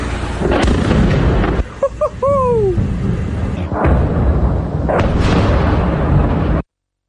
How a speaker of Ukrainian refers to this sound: Зараз взрив буде по-любому.